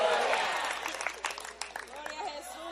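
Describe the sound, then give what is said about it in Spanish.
A crowd claps and cheers for the Lord in a dense, noisy burst that thins into scattered individual claps, while several voices carry on over the fading applause. “Al Señor ese aplauso, déselo.”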